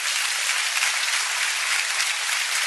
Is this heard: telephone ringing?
no